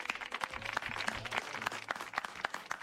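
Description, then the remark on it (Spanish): Steady audience applause welcoming Carlos Rottenberg on the show Vida y Obra, dense overlapping claps with a few sharper individual hand-claps standing out, sustained at an even moderate loudness throughout with no voices. “Bueno, ha vivido esto, todos 50 años de estos de los aplausos, así que gracias por venir, Carlos.”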